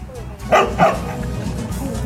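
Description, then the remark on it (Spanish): Coco, a six-year-old dog in San Martín de Porres, lets out two quick, sharp barks in close succession, clear, over a steady low background murmur that sounds like voices or broadcast noise. “En estos momentos vamos a presentar la historia de Coco, el perro de 6 años”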